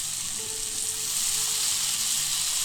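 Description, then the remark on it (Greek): A hot pan of mushrooms, spring onion and garlic paste sizzles with a loud, steady, bright hiss as chicken or vegetable broth goes in, swelling slightly partway through and continuing unbroken, with no voices. “Τώρα θα ρίξω το ζωμό. Ζωμός κότας ή λαχανικών.”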